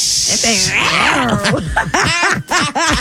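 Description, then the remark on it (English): An angry cat hisses sharply, then breaks into a run of loud, warbling growls and yowls that rise and fall for a few seconds. “It's no nice little purrs to it, is there? Yeah, it's an angry little cat right now.”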